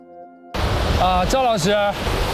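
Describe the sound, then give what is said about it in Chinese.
A steady, loud roar of the fast-flowing Kanas River rushes in after a brief tonal opening and continues throughout, with a man's voice talking briefly over the torrent; the high water has submerged the stone crossing and flows too fast for horses to stand. “至少是流速比是要缓，这个流速一快的话，马站不住，没办法。”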